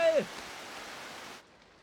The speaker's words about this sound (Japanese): 同じ雨の音